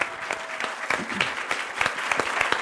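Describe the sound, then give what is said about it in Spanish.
An audience claps steadily for a guest after a talk about a neuroscience degree programme, a dense, continuous patter of many hands at moderate volume with no one speaking over it, sustained for a few seconds. “Un aplausote”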